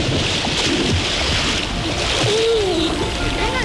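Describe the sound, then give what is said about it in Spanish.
Continuous rushing, splashing water fills the scene as people soak at a bathing spot in Cañamero, a village between Logrosán and Guadalupe, a steady watery hiss with no pauses, while faint voices murmur in the background. “hoy nos estamos remojando el culino aquí en Cañamero, en un pueblo que está entre las localidades de Logrosán y Guadalupe”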